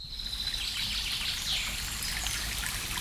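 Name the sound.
babbling stream water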